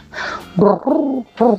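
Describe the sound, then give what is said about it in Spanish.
Turtle doves coo in the silence of an empty residential development, in a short series of soft, rounded calls, about four in quick succession with brief pauses between, fairly clear with no talking. “se escucha el arrullo de las tórtolas, un regalo de nuestro maravilloso extranjero, del cual no conocemos su nombre, pero sí el sonido de las tórtolas que trajo.”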